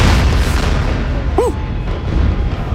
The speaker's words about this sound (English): Yeah, the end of an era for the Portland skyline. Demo crews successfully brought down the metal water tower from its rusty cage atop the 100-year-old Centennial Mills building.